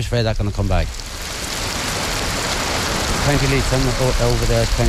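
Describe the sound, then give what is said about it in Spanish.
Steady outdoor rain hisses throughout, a dense, even wash of sound, at the border in Northern Ireland. Voices talk over it near the start and again toward the end while the downpour continues underneath. “Bajo la lluvia,”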